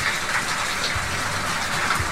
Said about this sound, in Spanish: Se largó súper fuerte a llover, mira. ¿Te acuerdas que te dije, mira? Sí, se nota ahí cómo llueve, ¿eh? Había las nubes corriendo y en este momento ya está lloviendo en Valparaíso. Súper fuerte.